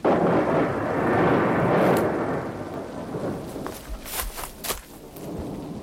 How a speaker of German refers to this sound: Komm, wir müssen weg. Das Gewitter hier lebensgefährlich.